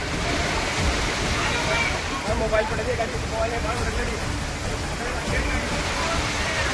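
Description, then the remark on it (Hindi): Floodwater rushes along a street in the Toda Raisingh area of Tonk, Rajasthan, India, after heavy rain, catching several bike riders, in a loud, steady, continuous roar of churning water, unbroken throughout, with faint muffled voices buried beneath it. “सड़कों पर पानी सैलाब की तरह बहता नजर आया और इसकी चपेट में कई बाइक सवार आ गए।”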